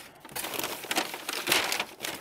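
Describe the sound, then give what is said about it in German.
Crinkling and rustling of a bag as food for meerkats is put into it, with irregular bursts of crackly plastic or paper noise and no voices. “So, dann haben wir hier noch eine Tüte, wo wir das Ganze reintun.”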